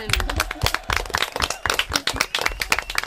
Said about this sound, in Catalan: Molt bé, un aplaudiment.